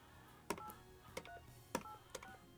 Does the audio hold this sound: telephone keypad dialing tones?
yes